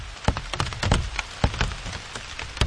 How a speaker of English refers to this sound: I must have looked a little crazy with a microphone as if I was interviewing these various plants, listening to their various sounds as the rain fell on them. And these enormous drops that are like a drumstick banging on the leafy drum skins below.